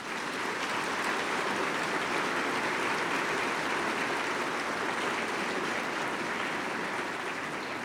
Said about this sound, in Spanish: Queremos también agradecer al señor obispo que tuvo a bien enviarnos como delegado al padre Francisco Méndez, nuestro vicario general, por el cual les pido un fuerte aplauso.